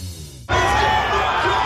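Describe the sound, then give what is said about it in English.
After a brief low hum, a large stadium crowd at a Broncos home game suddenly erupts into a loud, sustained roar of cheering that holds steady to the end. “There's absolutely nothing like a Broncos home game. The roar of the crowd, the sea of maroon and gold.”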